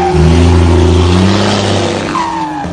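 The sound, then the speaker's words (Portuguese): A heavy truck engine revs loudly, its deep rumbling tones rising and shifting before easing as the truck pulls away onto the road. No voices are heard. “MA Mecânica Diesel encostou, caminhãozão arrumadão, pega o estradão, vambora.”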